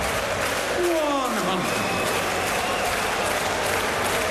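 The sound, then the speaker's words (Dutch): A dense darts crowd at a Norway versus Hungary match roars and applauds steadily as player Siebertsen celebrates with the audience, a broad wash of clapping and cheering that stays loud and constant, with a brief whistle-like rising tone early on. “Siebertsen gaat even een feestje vieren met het publiek.”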